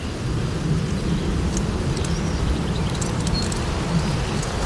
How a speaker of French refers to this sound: C'est les frottements des feuilles entre elles avec le vent. Donc là, on entend qu'elle remplit vraiment sa fonction de protéger du vent, en fait.